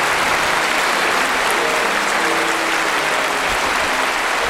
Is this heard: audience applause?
yes